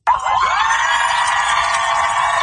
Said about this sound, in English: The USS Abraham Lincoln is back home in San Diego. A large crowd of cheering family members and loved ones greeted the aircraft carrier as it pulled into port today